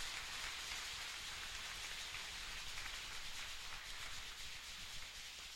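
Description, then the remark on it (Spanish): Steady, dense audience applause fills the whole clip, a continuous crackling wash of many hands clapping at an even, fairly loud level, with no voices over it. “Vamos a darles a ellos un fuerte aplauso de su servicio.”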